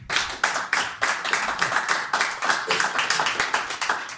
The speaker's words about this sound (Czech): Tak to je na potlesk.